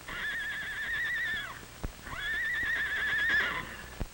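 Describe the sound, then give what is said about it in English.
Horses Charlie and Nellie from Mr. Mardell's ranch, running away during a fire, whinny twice in long, wavering, high neighs, one after another, with a couple of sharp hoof-like thumps between and after them. No one speaks. “Probably someone led them out of a burning barn and let them run away to safety.”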